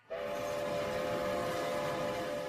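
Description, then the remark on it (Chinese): A train carrying Yuan Longping back to his alma mater rumbles along loudly and steadily while its whistle sounds one long, sustained blast over the clattering noise, with no voices. “袁隆平坐火车回到了母校，在金学龙老师住的宿舍前向人打听。”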